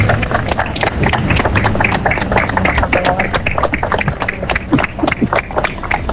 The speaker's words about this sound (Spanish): Así finalizaba ese minuto con unos improvisados aplausos de las poquitas decenas de personas congregadas en la plaza del consistorio, porque el día a esa hora no acompañaba con una intensa lluvia que caía sobre la ciudad.